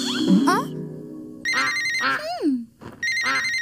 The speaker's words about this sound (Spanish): Escucho un timbre. ¿Qué podrá ser?